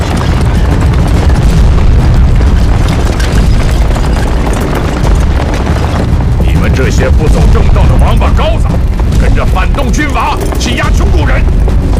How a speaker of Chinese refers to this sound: 南昌起义在我们这里也有响亮的枪声。